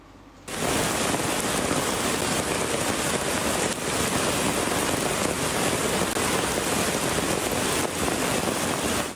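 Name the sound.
heavy rain falling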